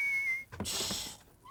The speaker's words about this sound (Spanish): Está silbando dormido.